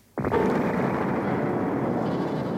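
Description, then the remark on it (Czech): A massive explosion at a castle bursts in suddenly and loudly, shaking the castle to its foundations as its main tower collapses, then rolls on as a heavy, sustained roaring rumble that barely fades over the next couple of seconds. No voices are heard. “V tu chvíli otřásl hradem mohutný výbuch. Hrad se otřásl v základech a hlavní věž se zřítila.”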